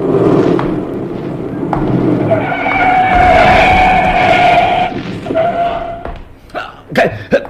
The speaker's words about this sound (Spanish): El auto se detiene a escasos centímetros de Calimán y un revólver apunta directo a su pecho.